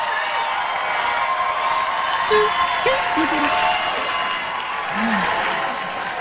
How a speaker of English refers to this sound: It's a long applause here. Yeah, it is. People were excited Dana Carvey showed up.